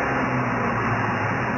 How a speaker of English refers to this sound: Kill Radio. is the sounds of traffic.